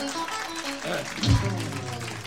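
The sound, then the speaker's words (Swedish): A live audience claps in a steady, dense patter, applauding fellow audience members, with a voice briefly cutting through near the middle. “En applåd i dem, de är lite talträngda.”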